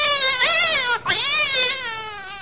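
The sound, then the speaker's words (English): A cat yowls loudly as its tail is pulled, one long wavering cry that briefly breaks and swoops before carrying on in a drawn-out, complaining wail. “I wish you wouldn't use a cat's tail as a pipe cleaner.”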